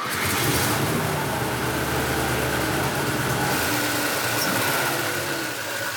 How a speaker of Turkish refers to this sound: Su pompasının tıkırtısını duyabilirsin. O zaman uzun süre çalıştırmayalım.